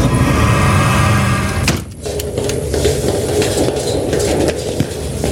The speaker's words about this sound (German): Dann können wir jetzt die Klappe zumachen. Dann scheint das Licht auch nicht raus.